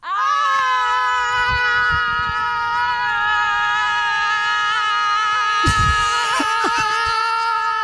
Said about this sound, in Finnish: Sitten kun mä lähetän, niin toinen lähtee toiseen suuntaan, toinen toiseen suuntaan, ja tämä huutokaanon alkaa.